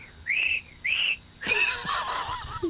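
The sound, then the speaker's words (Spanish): A voice attempts to whistle, producing two short breathy, airy tones followed by a longer wavering, shaky whistle-like sound that doesn't quite come out clean because the whistler is cold, moderately loud. “Se supone que es un silbido, ¿no?”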